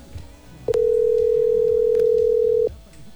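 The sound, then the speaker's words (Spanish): A steady telephone dial tone hums loudly for about two seconds as a call is dialed to a possible contest winner, starting and stopping abruptly with sharp clicks, one click also interrupting it midway, over faint background noise. “Por acá vamos a marcar de una vez.”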